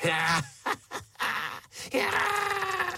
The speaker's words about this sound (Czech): Šišinka fňukala jantorové slzy a loupežnice Kafka je chtivě sezobávala do pláteného měšce.